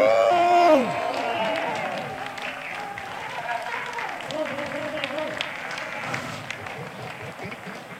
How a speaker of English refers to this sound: A big, big, big, big applause